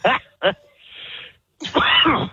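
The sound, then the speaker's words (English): A short coughing fit: two sharp coughs in quick succession, a raspy breath, then a longer strained, throaty burst. No one speaks. “I can't stop coughing is what's happening right now because you guys are freaking funny.”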